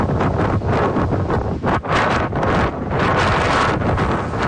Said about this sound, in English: That was near Elgin as a windstorm blew across the southern part of the province yesterday.